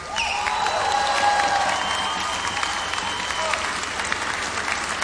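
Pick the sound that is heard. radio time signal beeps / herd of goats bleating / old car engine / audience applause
audience applause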